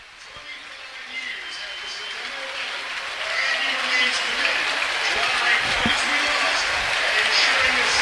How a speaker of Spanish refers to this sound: El aplauso es del héroe de la noche para que se escuche. Estamos en el techo de Valley Trojan Stadium disfrutando la noche.